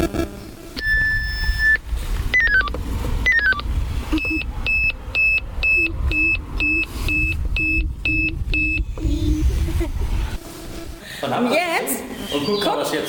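Electronic alarm system beeping: a long steady tone, then descending chirps, followed by a rapid series of about a dozen evenly spaced high beeps, with background noise and some clatter toward the end.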